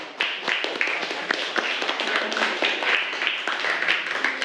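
Students in a maths class clap together for the first classmate who gave a correct answer, a dense, steady burst of many overlapping hand claps, moderately loud and sustained for several seconds without any talking.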